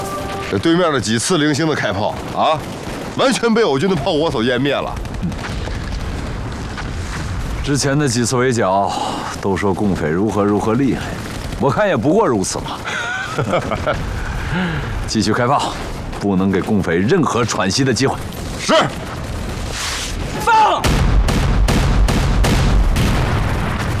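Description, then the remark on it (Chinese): Heavy artillery fire from an army bombardment and gunfire rumble beneath raised voices, with booming blasts throughout that build to a loud, dense barrage near the end once the talking stops. “这对面的几次零星的开炮啊，完全被我军的炮火所湮灭了。”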